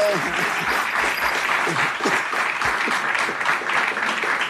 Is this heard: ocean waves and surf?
no